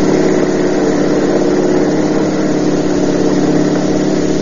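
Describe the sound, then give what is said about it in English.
A car engine roars loudly and continuously during a chase at over 70, a steady drone with a rough, buzzing tone and no break, with no voices over it. “We're doing over 70 and he's walking away from it.”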